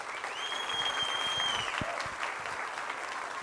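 Steady audience applause at the Itatiba legislative chamber for the teachers, supervisors, coordinators and directors of public and private schools present fills the whole stretch, a dense wash of many hands clapping at an even level, with a thin high whistle-like tone sliding briefly over it early on.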